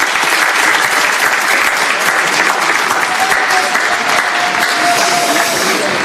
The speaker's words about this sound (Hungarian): Nagy tapsal köszöntsük őt.